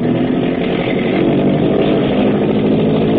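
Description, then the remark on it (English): A boat engine opening up to full throttle in deep water at nightfall, a loud, steady roar with a thick low rumble and a rough buzzing drone that holds without letting up. No voices are heard. “Hackett is opening up. Open her up, Graham.”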